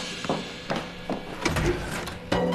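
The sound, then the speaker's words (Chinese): A sequence of mechanical clicks and knocks as a latch turns and a door is pulled open to let in arriving guests, with a few sharp taps and a brief scraping rattle, no voices. “我去开门。”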